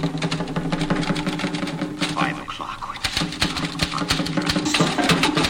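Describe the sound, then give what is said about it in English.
Rapid typewriter keys clack in a dense, uneven stream of sharp mechanical strikes, steady throughout, while a voice speaks briefly over the typing. “In this typewriter.”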